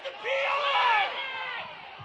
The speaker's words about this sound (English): Home crowd wants the pass interference.